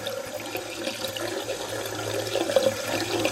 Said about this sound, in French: À peu près 10 secondes pour un litre. Donc ça veut dire qu'on est à peu près à 6 litres par minute. Ouais. Avec un robinet ouvert. Avec un robinet ouvert, exactement.